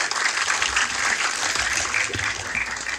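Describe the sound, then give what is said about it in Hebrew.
Sustained audience applause for a singing contestant at a show filmed in Ashdod, a dense wash of many hands clapping at a steady, fairly loud level throughout, with no speech over it. “תודה רבה, בהצלחה, מירות כפיים.”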